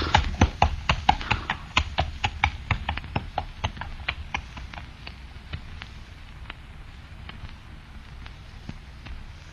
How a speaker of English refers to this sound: Shall I take the horse to our stable, sir?